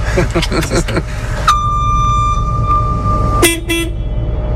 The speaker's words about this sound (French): Il y a quand même un klaxon au cas où ? Ah, il y en a un, ouais, effectivement, je pense qu'on peut le retrouver